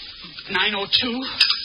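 Dishes being washed: sloshing, hissy water noise with a couple of bright clinks of crockery, close by and moderately loud, with a faint voice murmuring underneath.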